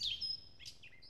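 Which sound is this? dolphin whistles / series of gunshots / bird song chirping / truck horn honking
bird song chirping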